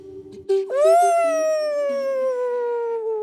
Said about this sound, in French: Qu'est-ce que c'est que ce bruit ? Comment un aussi petit bébé doudou peut-il faire un aussi gros rot ?